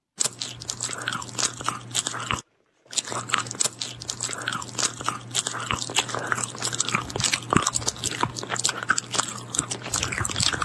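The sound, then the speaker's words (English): Loud crunching and chewing of food, with rapid wet bites and crisp crackles continuing steadily for about ten seconds after a brief pause near the start. “Chewing is a common sound that falls under the misophonia banner that drives people absolutely batty.”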